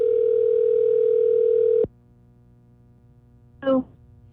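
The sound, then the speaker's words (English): A steady, buzzing telephone dial tone as a Light 96.9 radio morning show places a call holds for almost two seconds, then cuts off abruptly, leaving a quiet line hum before a brief, bright electronic chirp near the end. “Let's see if we can find someone on the phone here.”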